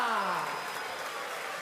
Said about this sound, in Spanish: Fuerte el aplauso